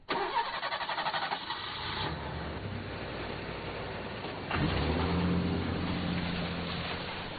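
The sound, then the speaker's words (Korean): A car engine cranks and starts, then settles into a steady low rumble that swells again as it revs and the car pulls off past Gobindo-ri, its drone continuing to the end with no voices. “차가 고빈도리를 지나 사라지자”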